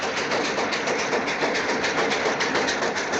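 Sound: train running on rails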